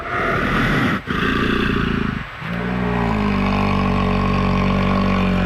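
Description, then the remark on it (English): Bears jawing, interacting directly with one another: loud, rough, continuous roaring and bellowing broken by two brief pauses, then settling into a lower, drawn-out rumbling growl. “You know, sometimes if you've seen videos of interactions between bears, they'll do this thing called jawing. where they're kind of interacting directly with one another, and they'll kind of roar almost.”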